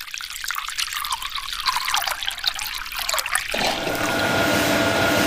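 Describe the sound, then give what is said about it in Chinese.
Thick rice batter trickles and splashes steadily into a pot of boiling water, then at about three and a half seconds the pour becomes a fuller, louder continuous gush, with no voices. “等锅内水沸腾，倒入米浆。”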